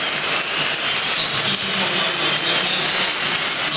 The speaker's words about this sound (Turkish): Kadıköy'de alkışlarla kenara geliyor Elif Elmas.